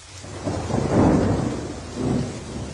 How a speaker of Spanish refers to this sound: El agua subía cada vez más. Sucedió lo que Dios había anunciado. 40 días y 40 noches llovía a cántaros.